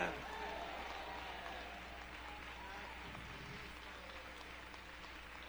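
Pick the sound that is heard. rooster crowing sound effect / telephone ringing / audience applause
audience applause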